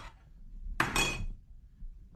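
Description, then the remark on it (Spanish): A plate of food is tossed down hard, making a sharp clattering crash with a brief ringing rattle of dishware that fades within about half a second over faint background noise. “Cuando llegas a la casa y la mujer te avienta la comida así.”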